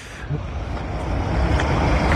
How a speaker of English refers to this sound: What's he got on there? Sounds like a lot of heavy traffic going past. A lot of traffic, yeah.